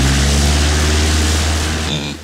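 A loud, steady propeller engine roars as a plane takes off, with a deep droning hum and rushing wind, holding strong for a couple of seconds before cutting off abruptly. No one speaks.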